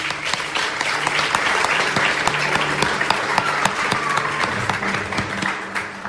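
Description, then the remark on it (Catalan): Steady applause from a live audience of more than 70 people at the Museu d'Història de Catalunya, at a recording of Ràdio Castellar's history programme Les Portes de Troia: dense overlapping claps holding an even loudness for several seconds, with a faint murmur of voices underneath. “Benvingudes i benvinguts una setmana més a les Portes de Troia, el programa de ràdio d'història, de Ràdio Castellar, de la xarxa, des del Museu d'Història de Catalunya, amb més de 70 persones de públic. Un fort aplaudiment.”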